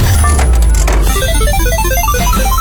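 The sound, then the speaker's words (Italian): A short, loud game-segment jingle: quick bright blips tumble in rising, coin-like runs over a dense, busy backing, with no one talking. “Allora, siamo arrivati al momento del gioco, quindi sigla e si parte.”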